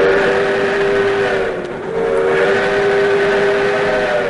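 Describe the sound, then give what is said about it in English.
The whistle of the Skunk Train's restored steam engine, running through redwood forest, blows loud in one long, sustained chord, briefly dipping midway before sounding again, with no talking over it. “Hop aboard the Skunk Train's restored steam engine experience.”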